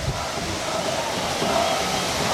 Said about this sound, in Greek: Πάλι άρχισε εδώ πέρα δυνατά το βροχή.